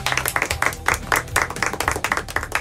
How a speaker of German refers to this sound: Kennen Sie doch auch, nach der Landung wird im Flieger erstmal geklatscht und alle freuen sich auf den Urlaub.